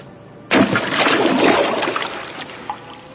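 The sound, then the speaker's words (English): A sudden heavy splash as the horse Dilbagh, ridden by Bidhi Chand, leaps over the high battlements of a fort and plunges into a river, loud, breaking from a quiet background and trailing into a long rushing, sloshing wash that slowly fades. “When Bidhi Chand lifted the reins, He leaped over the high battlements of the fort and plunged into the river with a great splash.”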